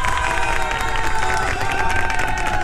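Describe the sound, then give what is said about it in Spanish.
A crowd applauds and cheers steadily, a dense wash of clapping with excited high voices and whistles riding on top, loud and sustained throughout. “Un fuerte, fuerte aplauso no solamente por la entrada del concierto, sino también por tan bonita respuesta.”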